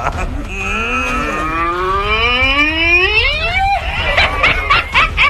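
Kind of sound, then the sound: animal, ox mooing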